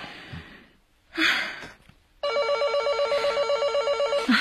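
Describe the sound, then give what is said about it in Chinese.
A telephone rings with a loud, steady electronic warble that trills rapidly for about two seconds. Before it, soft breathing and a heavy sigh are heard, with no talking. “好吧，你先休息，我来接啊。”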